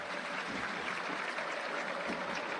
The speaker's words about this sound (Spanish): Los aplausos a partir de los brazos en alto de los jugadores Estudiantes de la Plata.